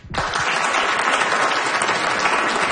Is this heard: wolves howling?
no